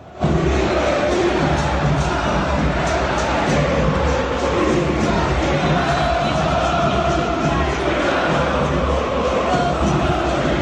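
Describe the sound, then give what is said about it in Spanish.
A dense football crowd roars and chants insults at Tapia, singing "vos sos hincha de Boca", a loud, sustained wall of many voices that holds steady throughout with no break or lull. “Algunos cantaban vos sos hincha de Boca, la que te parió.”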